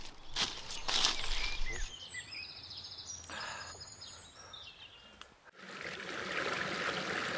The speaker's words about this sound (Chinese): 我们到溪边了，我们在这洗澡，来，过来。 山林间有着很多小溪和清泉